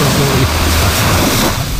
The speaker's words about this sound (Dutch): Het is, ja, de zee hoor je ook al op 80, dat is lekker toch?